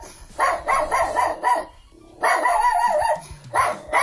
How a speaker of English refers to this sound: All you got to do is tell us what dog breed this is barking. A little annoying dog this morning.